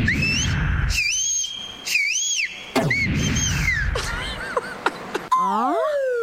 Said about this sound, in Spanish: quiero saber cómo hace mi mamá para chiflar.